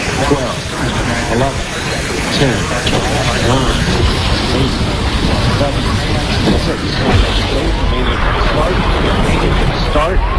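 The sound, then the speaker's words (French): A space shuttle liftoff on 28 January at 11:38 roars loudly and steadily while a large crowd of spectators, including the crew's families and Christa McAuliffe's students, cheers, shouts and applauds, all blended into a dense, unbroken wall of noise that holds at full strength throughout. “L'équipage ignore tout de ces atermoiements, et le 28 janvier à 11h38, les spectateurs venus nombreux, parmi lesquels les familles de l'équipage et les élèves de Christa McAuliffe, applaudissent le décollage.”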